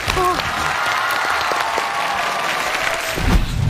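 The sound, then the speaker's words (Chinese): An audience at a televised science lesson applauds steadily in encouragement, a dense wash of clapping that holds at a fairly even loudness for several seconds, with a few brief tones and a voice faintly underneath. “就大家掌声鼓励一下。”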